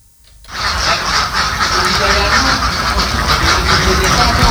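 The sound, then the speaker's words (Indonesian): A large flock of laying ducks on a duck egg farm in Suwak Sigading village, Aceh Barat, quacks all at once in a dense, continuous racket, loud, starting abruptly after a brief quiet moment and carrying on without pause. “Usaha bebek petelur SGD Farm di Desa Suwak Sigading, Aceh Barat menjadi salah satu usaha pemasok bahan baku untuk dapur MBG.”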